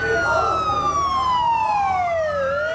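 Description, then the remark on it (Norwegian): Ambulance sirens wail loudly through a street in Lebanon after pager explosions in September 2024, their long pitch sweeps overlapping and crossing, over a steady rumble of street traffic. “Ambulanser ulte gjennom gaten, nesten 2000 ble skadd og 12 drept.”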